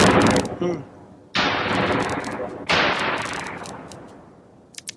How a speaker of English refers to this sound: there's a fairly normal explosion coming out of there. If we put it through this box, we'll see that it's got a sort of fireworks sound with it.